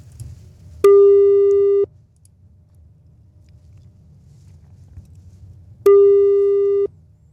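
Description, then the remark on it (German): A telephone ringback tone while a radio presenter calls a listener's phone number: two steady one-second beeps about five seconds apart, clear and fairly loud over a low background rumble, with no one talking. “Und da rufen wir doch einfach mal an.”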